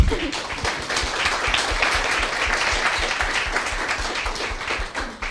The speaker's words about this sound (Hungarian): Köszöntsük egy nagy tapssal!